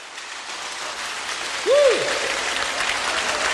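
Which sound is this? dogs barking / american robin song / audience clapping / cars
audience clapping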